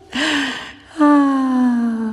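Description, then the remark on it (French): A sharp, breathy gasp of air, then a longer voiced exhale that holds a steady, slightly falling tone, fairly loud with no words spoken. “De l'air audible.”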